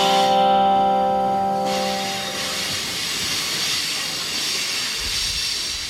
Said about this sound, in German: Now, ladies and gentlemen, we do feel the brakes of the train starting. You can hear that squeal. That's because we are getting close to Hell's Gates.